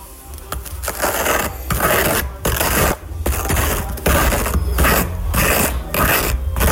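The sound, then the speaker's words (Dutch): A knife spreads butter across a crisp rusk, a loud, dry, crackly scraping in repeated strokes with brief pauses between them, steady and rhythmic throughout. No one talks. “Het smeren van mijn beschuit met boter.”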